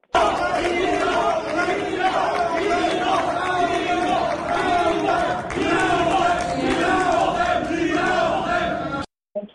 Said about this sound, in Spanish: En entrevista, al concluir el anuncio oficial, los simpatizantes de su contrincante Rafael Marín Mollinedo gritaban fraude. Vamos a escuchar.